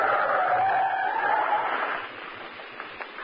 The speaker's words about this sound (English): That's very narrow escape. Truck go very fast. I feel given gas.